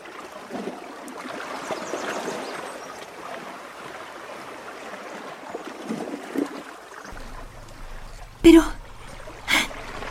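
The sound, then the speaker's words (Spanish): Steady, gentle river water flows and babbles for several seconds; near the end a low hum comes in and two short, sharp bursts break through. “El padre depositó suavemente la canasta en el río y se alejó”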